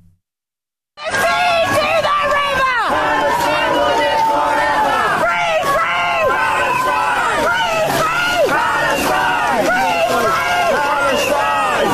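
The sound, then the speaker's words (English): After a second of silence, a loud, dense wall of overlapping shouting voices erupts as hecklers at the King's speech shout at King Charles and the Queen about the Palestinian territories, continuing steadily with raised, strained cries rising and falling over constant crowd noise. “People who were making an impact today at the King's speech were the hecklers who were shouting at the King and Queen about what else, the Palestinian territories. This is what happened.”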